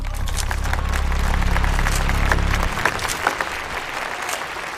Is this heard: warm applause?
yes